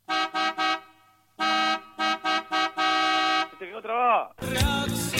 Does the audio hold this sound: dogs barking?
no